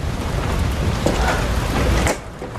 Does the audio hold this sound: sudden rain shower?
yes